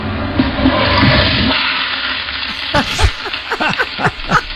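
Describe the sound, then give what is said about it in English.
A toilet flushes with a loud rushing swirl of water that fades after a couple of seconds, followed by gurgling and irregular splashy sloshing as the tank refills. “She flushed a toilet.”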